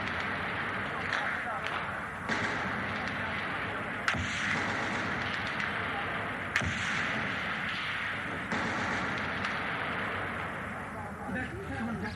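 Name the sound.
machine gun fire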